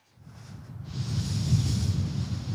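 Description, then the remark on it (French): Strong wind gusts buffet the microphone in the morning at an active wildfire in Pouzolles, Minervois, in the Aude: a steady low rumble that swells within the first second and stays loud and turbulent, with a faint hiss above it and no voices. “Alors non, le feu n'est pas fixé, il y a encore certains fronts de ce feu qui sont encore très actifs avec des rafales de vent ce matin encore assez importantes.”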